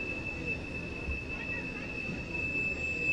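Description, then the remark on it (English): A passing train's wheels screech in a steady, high-pitched metallic whine that holds for the whole moment, riding over a continuous low rumble of rolling rail cars, during a Birmingham Barons baseball game against the Biscuits. “Rain screeches by.”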